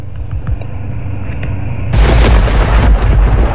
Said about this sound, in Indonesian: Petir terjadi karena adanya perbedaan potensial antara sesama awan atau awan dengan bumi. Energi listrik dari muatan positif dan negatif yang terdapat di awan menumpuk, terhempas ke udara dan terjadilah petir.